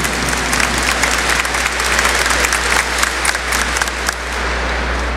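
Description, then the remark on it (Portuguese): An audience applauds together at a church celebration, welcoming one another, in a dense, steady wash of clapping that stays loud and even for about five seconds before easing slightly at the end, with no voices above it. “Vamos dar uma salva de palmas, acolhendo-nos todos, uns aos outros.”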